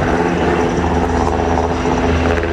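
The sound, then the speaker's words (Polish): Loud, steady rotor noise of S-70i helicopters from a military aviation team, a continuous low throbbing drone with engine whine layered on top, sustained throughout with no voices. The helicopters support a special forces group in an exercise retaking a ferry. “W działaniach bierze udział grupa specjalna z Formosa przy wsparciu śmigłowców S-70i Zespołu Lotniczego Jednostki Wojskowej GROM.”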